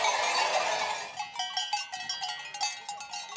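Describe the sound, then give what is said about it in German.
A flock of sheep arrives at night during the drive down from the mountain pasture to the valley, bells clanking irregularly and continuously, a dense jangle over a rushing shuffle at the start, with no voices. “Jetzt kommen sie in der Nacht, die Schafe.”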